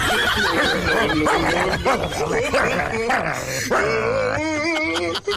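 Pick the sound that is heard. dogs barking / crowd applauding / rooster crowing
dogs barking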